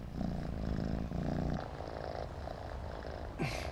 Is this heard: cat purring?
yes